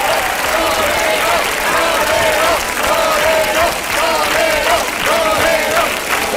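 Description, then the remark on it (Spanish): A large audience applauds and cheers loudly and steadily throughout, dense clapping blended with raised voices shouting and whooping above it, the roar holding an even level from start to finish. “Quiero agradecerles a todos sus aplausos y el estar esta noche aquí con ustedes es un gran placer.”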